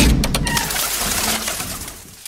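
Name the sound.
dove cooing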